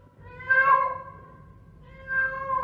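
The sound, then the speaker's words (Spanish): Two drawn-out cat meows, the first swelling and fading mid-clip, the second starting near the end and still going as it cuts off, with no talking. “Ratita, ratita, ¿te quieres casar conmigo? ¿Y cómo harás por la noche?”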